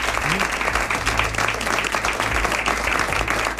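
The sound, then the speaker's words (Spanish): People in a scriptorium clap steadily as a greeting on the radio show Ser Historia, a dense, loud wash of applause that holds at an even level throughout, with a low murmur underneath. “Aquí en este scriptorium, a quien les pido un aplauso para saludar, y no me queda más que darle las gracias.”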